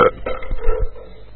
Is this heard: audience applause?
no